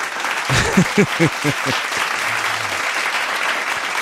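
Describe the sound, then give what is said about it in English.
A crowd breaks into applause, a dense wash of clapping with a few louder whoops and cheers near the start, sustained steadily throughout. “A round of applause for yourselves.”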